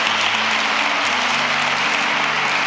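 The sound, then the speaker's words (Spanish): A large audience applauds the Church of Christ during a Catholic testimony, a steady, dense, loud wash of clapping that fills the whole moment without pause, with a faint low tone sustained underneath. “Denle un aplauso a la iglesia de Cristo.”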